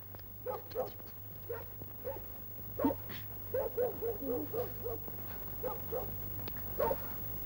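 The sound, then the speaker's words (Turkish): A tiny dog barks repeatedly in quick, uneven bursts of short yaps, fairly faint, over a steady low electrical hum with no talking. “Bu köpek ne havlayıp duruyor be?”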